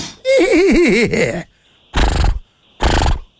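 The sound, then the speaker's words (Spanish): A human voice mimics a stallion's neigh, a loud, quavering whinny lasting about a second, followed by two short, rough blowing bursts like snorts. “No, no, soy caballo, güey, soy semental.”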